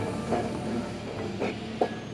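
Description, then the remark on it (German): A tram with small, old-fashioned cars rolls steadily along the rails in a city in the far south of Japan, with a low continuous rumble, punctuated by a few brief metallic clicks and squeaks at irregular intervals. “Zum Nahverkehr gehört wie in vielen japanischen Städten auch die Straßenbahn.”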